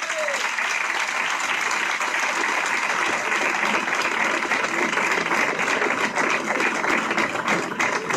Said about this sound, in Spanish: Yo creo que es el momento de que esta magnífica obra y su autor se lleven otro gran aplauso.